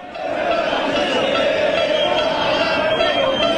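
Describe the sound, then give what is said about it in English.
A large crowd of Argentina fans and some Americans at a World Cup game in Dallas, Texas roars in unison, a dense, steady wall of many voices sustained throughout with a held vocal tone, like a name being chanted together. “Now imagine you're in this crowd, and it's your name being chanted.”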